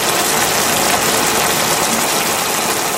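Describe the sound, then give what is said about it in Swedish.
Bacon sizzling in a frying pan, a loud, steady hiss full of fine crackles and pops that continues unbroken for the whole three seconds, with no voices. “Det var bacon.”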